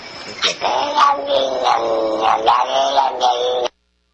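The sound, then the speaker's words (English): A cat's meows played in reverse, a string of warbling, drawn-out cries that swell oddly rather than fade, sounding thin and boxy like playback from a small speaker, then cutting off abruptly. “You want to hear the cat backwards again?”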